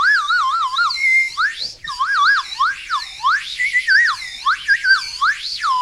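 A whistle bought at an indigenous village, made to imitate birdsong: rapid warbling trills and looping, wavering high tones, chirpy and bright, played continuously and fairly loud with a brief pause near the middle, no voices.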